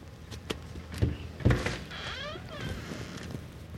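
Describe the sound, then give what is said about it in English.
A few soft, unevenly spaced, muted knocks on the door of a small house, followed by a brief creaking, sweeping sound as things settle. No one speaks. “When he gets to the door, he gently knocks.”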